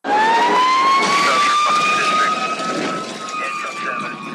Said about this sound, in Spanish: Escuchamos la sirena y pensamos en peligro, en caos, en fuego. Pero detrás de ese sonido hay algo más fuerte. El pulso de alguien que decidió correr hacia donde todos los demás escapan.